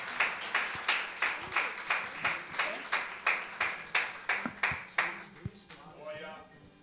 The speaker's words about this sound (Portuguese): Se você puder, aplauda mais uma vez ao Senhor Jesus.